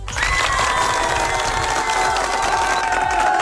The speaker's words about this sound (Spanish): ¡Un fuerte aplauso!